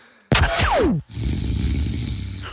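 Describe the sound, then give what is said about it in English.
A loud snore: a sharp intake with a falling whistle, then a long, rattling, raspy breath that drones on steadily. No one speaks. “I'll give you all three and then you can do snore two.”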